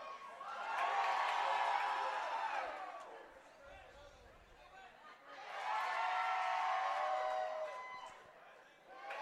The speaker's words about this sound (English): Is that one in there for strike number one as Cooper's getting the crowd up and into it?